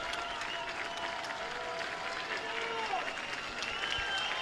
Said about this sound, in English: Crowd clapping in unison. The pitch is a called strike on the outside corner. Back to back in almost the exact same spot. And now the Isotopes are one strike from victory, and the crowd will get louder.